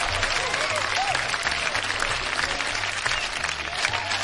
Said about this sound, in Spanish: Uy, compadre, también hay buena, también hay gente bonita, buena. Un aplauso para todos los que somos.